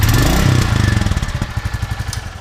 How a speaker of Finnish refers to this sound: Kyllä se hienolta kuulostaa, kun toi prätkä kehrää. Ei sille minkään voi. On siinä jotain kyllä viehättävää ja hienoa.